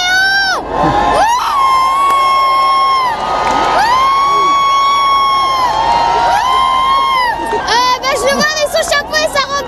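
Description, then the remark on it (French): A jubilant crowd of believers, packed against security barriers with arms stretched toward the pope standing in his popemobile as he passes, cheers loudly and continuously, with high-pitched shouts and whoops rising and falling over a dense roar of many voices. “Oui, bien, écoutez, la foule, c'est comme soulevé ici au passage Lyon 14.”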